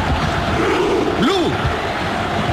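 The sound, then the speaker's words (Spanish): Japanese fans in the stands of a World Cup football match roar steadily throughout, with a dense wash of shouting and one rising-then-falling voice cutting through the din for about a second midway. “Las tribunas que gritan, los hinchas japoneses, escúchenlos.”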